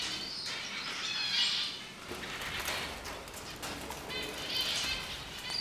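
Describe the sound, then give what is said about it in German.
Finches in an aviary flutter their wings in repeated soft, papery bursts, with thin high chirps rising now and then through the steady rustle. No one speaks. “Nee, nee, umso komplizierter, aber weil es flattert ja immer.”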